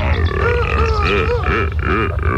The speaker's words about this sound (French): Nous sommes dans la savane. C'est le pays des animaux. Je m'approche doucement d'un couple de lions et de lionnes. Oula, ils crient. Ils vont s'accoupler. Écoutez-les.